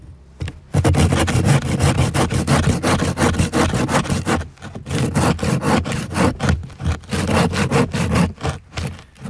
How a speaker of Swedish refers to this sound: Bland annat så sågar ni ganska mycket isen.